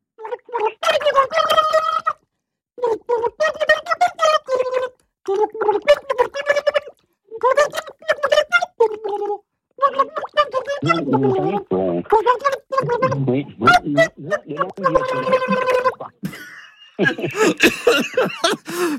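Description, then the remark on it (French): A voice sings a melody into a basin of water, the notes turned into gurgling, bubbling warbles, phrase after phrase with short pauses between them, fairly loud. “Je vais chanter, donc, dans la bassine.”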